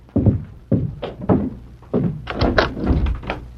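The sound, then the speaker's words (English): Firm knocking on a door: a few spaced, heavy thuds, then a quicker cluster of raps, fairly loud with no voices. “The door. I'll see who it is.”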